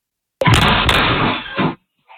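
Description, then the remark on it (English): A sudden, loud crashing bang as a home's door in Pennsylvania is kicked hard by teenagers as part of a social media trend, followed by a second thud and a rattling, reverberant rumble that lasts over a second before cutting off. “A woman said she has no way to lock her door now after teenagers kicked it as part of a social media trend.”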